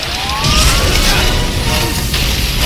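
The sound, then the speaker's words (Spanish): A loud, sustained roaring rumble as an alley splits in two and a huge fireball surges from the crack, with deep booming low end and a hissing, crackling wash that holds steady throughout. “El callejón se parte en dos y una enorme bola de fuego surge de la grieta.”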